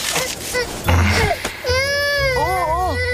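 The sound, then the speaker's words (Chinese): A baby cries loudly in a sustained, wavering wail that rises and dips in pitch, with a brief earlier burst of fussing before the long cry. “宝宝乖，不哭不哭啊。好宝宝，听话了啊。”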